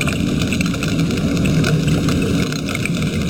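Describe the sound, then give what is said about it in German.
A dense chorus of snapping shrimp crackles without pause, countless sharp clicks merging into a loud, steady sizzle over a low underwater rumble, with no voices. “So klingen Pistolenkrebse, wenn ganz, ganz viele von ihnen zusammenkommen.”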